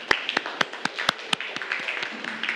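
A classroom of students clapping together for group 3 after a correct math answer, in a quick, steady rhythm, the sharp claps fairly loud at first, then blurring into a looser, softer patter of applause. No one speaks.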